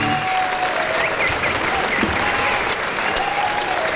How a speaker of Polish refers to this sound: A to klaski. A, to było klaski? Tak, no to trzeba było zostawić. To był live, tam przez chwilę było słychać.